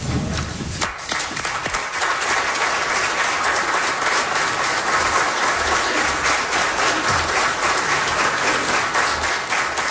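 Standing ovation in the House, all members on their feet applauding John Hutton: sustained, loud applause, dense rapid clapping that swells within the first second and holds steady throughout, with faint crowd murmur beneath.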